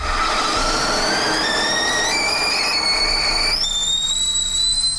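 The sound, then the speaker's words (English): A kettle boiling, its shrill whistle climbing in pitch in a few steps over a steady, rushing bubbling noise; loud and continuous, with no voices. “All right, if you locked in a kettle boiling, you would have won.”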